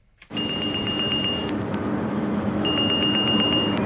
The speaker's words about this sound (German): Die Uhr am Handgelenk von Bademeister Sebastian Eichel schlägt Alarm.